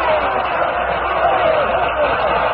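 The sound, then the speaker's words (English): A theater audience roars with cheering as the curtain lowers at the end of a show, a dense, steady wall of voices that stays loud and unbroken from start to finish, with one man's shouts mixed into the crowd. “Listen to him cheer.”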